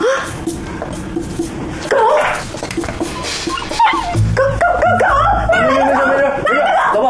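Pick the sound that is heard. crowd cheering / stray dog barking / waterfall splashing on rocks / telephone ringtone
stray dog barking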